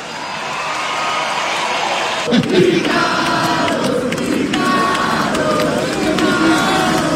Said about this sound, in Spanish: ¡Aplausos a granelo!